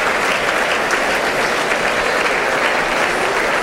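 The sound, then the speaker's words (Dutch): Steady, dense applause from a large audience for the musicians of the Brussels Philharmonic at a music competition, a continuous wash of clapping hands at an even loudness throughout, with no voices or music over it. “Ja, dat is applaus voor de muzikanten van Brussels Philharmonic.”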